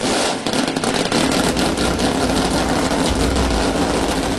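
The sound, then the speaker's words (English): Loud, steady roar of several race car engines running together, a dense rumbling idle with a deep low throb that holds for a few seconds without pause. “And gentlemen, start your engines.”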